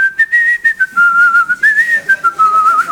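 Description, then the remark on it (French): A person whistles a wandering tune, the clear pure tone sliding up and down between notes in short phrases, fairly loud with no talking. “C'est à quoi on connaît les très très bons? Ils sifflent.”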